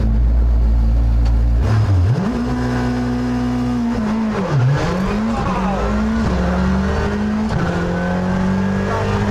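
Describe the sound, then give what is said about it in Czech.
A Fabia RS Rally 2 rally car engine roars loudly, heard from the co-driver's seat, its pitch climbing and dropping repeatedly as it revs through gear changes, with a faint squeal of tires under the engine noise. “Tady bude prostor něco si říci, protože moje komentáře pod řevem motoru Fabie RS Rally 2 se zúžily na takové ty jako zatáčka, není to úzký, pozor, jsou tam vrata, a pak už jenom většinou wow, oh, ty kráso, taky krávo a tak dále.”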